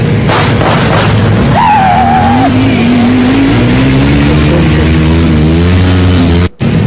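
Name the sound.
motorcycle speeding past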